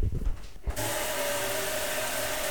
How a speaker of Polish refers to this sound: No to może teraz filtr jeszcze wyłączę i teraz mogę puścić wodę.